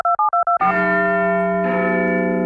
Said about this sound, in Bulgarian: Да, кулата на Биг Бен.